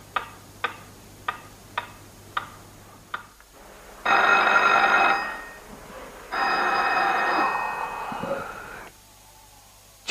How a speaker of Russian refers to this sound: Телефон!